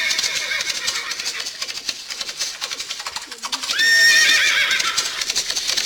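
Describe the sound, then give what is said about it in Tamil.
Many hooves clatter in a steady, busy rhythm while horses neigh as an army of 5,000 cavalry soldiers sent by Hyder Ali arrives from Mysore, with one loud, high, wavering whinny rising above the commotion partway through. “மைசூரில் இருந்து 5000 குதிரைப்படை வீரர்கள் வந்துள்ளனர்.”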